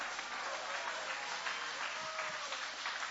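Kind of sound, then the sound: crowd, audience applauding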